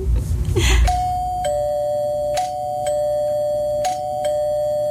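A doorbell rings with sustained bright chime tones, struck again several times at intervals, each strike layered over the lingering ring, following a brief burst of noise at the start.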